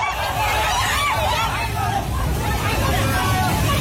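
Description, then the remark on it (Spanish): A crowd of people shouts and cries out in terror at a flood torrent of water, earth and mud near the Himalaya that swept away homes, cars and trees, over a constant, loud rushing roar, voices overlapping without pause for the whole stretch. “Es el sonido del terror de la gente ante el torrente que ha arrasado en muy poco tiempo viviendas, coches, árboles y que ha dañado infraestructuras de todo tipo, carreteras, puentes, centrales hidroeléctricas,”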